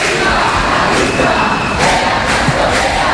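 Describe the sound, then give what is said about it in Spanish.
A large protest crowd on Calle San Jerónimo, heading to the Congreso de los Diputados, shouts slogans together with fists raised, including '¡viva la clase obrera!'. A loud, dense roar of many voices with rhythmic chanted bursts rising and falling throughout. “Mira, veo como 2 señoras de la limpieza se han asomado a una de las casas y todos les gritan con los puños en alto: ¡viva la clase obrera!”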